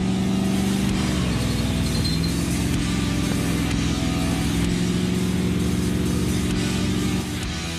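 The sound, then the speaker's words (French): A powerful car with a 6.2-litre engine drones loudly and steadily while driving, its deep humming tone rising and falling slightly as the revs shift, with no voices over it. “Gigantesque, monstrueux comme le moteur, les sensations incroyables, uniques.”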